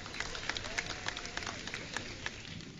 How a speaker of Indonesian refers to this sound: Berikan tepukan gemuruh